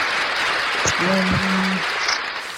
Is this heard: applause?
yes